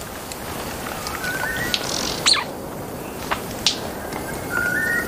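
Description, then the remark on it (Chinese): An antbird sings in the forest, giving a few thin, rising whistled notes over a steady hiss of rain or insects, with a couple of sharp clicks in between. “立顶蚁冬大部分时间都在地面上搜寻蚁穴，立顶蚁冬的鸣唱是这片森林中最婉转最动听的鸟鸣声之一。”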